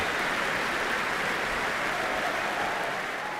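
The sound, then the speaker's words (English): Sustained applause from a large concert audience for an orchestra after a performance of a Second Symphony, a dense steady wash of clapping that stays loud and even throughout, with no voices rising above it. “making sure each member of the orchestra gets their due applause.”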